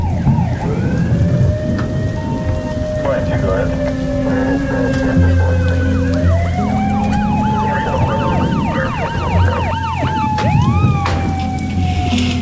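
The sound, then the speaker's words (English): Several police car sirens wail and overlap as more police arrive, rising and falling in steady sweeps, over a constant wash of heavy rain and low rumbling, loud throughout. “There's more police arriving.”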